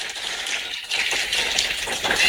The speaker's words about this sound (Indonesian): Boleh dong ya untuk menyemangati kita di sore hari ini dan mengapresiasi semua ya di sore hari ini. Boleh saya minta kita kasih tepuk tangan yang paling meriah.